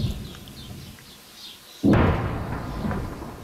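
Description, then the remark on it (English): A distant explosion in southern Lebanon during an Israeli military incursion targeting Hezbollah strongholds: after a stretch of quiet outdoor ambience, a single sudden heavy boom hits and rolls on as a long, loud rumbling tail that slowly fades. “Those distant explosions echo across the south as Israeli troops push deeper into the country to target Hezbollah strongholds.”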